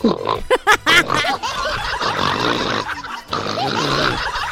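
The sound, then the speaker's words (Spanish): A rough, snorting nasal sound like a pig grunting, repeated in short bursts and then a longer raspy stretch, fairly loud with no talking, made by a person trying and failing to snore. “eso parece un chancho, pues, …, en vez de ronquido”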